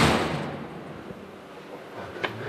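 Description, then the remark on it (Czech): A heavy armored door to the oratory holding the Záviš Cross slams shut with a deep, booming thud that rings out and slowly fades, followed about two seconds later by a single sharp metallic click. No one speaks. “Tak ten zvuk dveří už říká mnoho, protože jsou evidentně pancéřové.”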